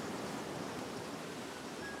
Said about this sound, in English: That waterfall.